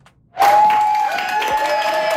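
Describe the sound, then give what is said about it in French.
Applause bursts in after a brief quiet moment and continues steadily, a room full of people clapping with scattered cheers, loud, with no speech over it: New Democrat colleagues applauding a new member's entry into their caucus at Queen's Park on Friday. “C'est sous les applaudissements de ses nouveaux collègues que Fatima Chaban a fait son entrée dans le caucus néo-démocrate à Queen's Park vendredi.”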